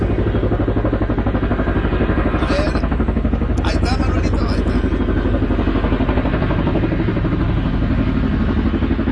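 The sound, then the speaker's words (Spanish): A helicopter arriving to fly to San Diego in cloudy weather roars steadily and loudly, its low rotor thump pulsing rapidly throughout, with brief higher-pitched whines and clatter rising over the drone partway through. “Ahí viene el helicóptero, ya en un ratito saldremos hasta el bello San Diego.”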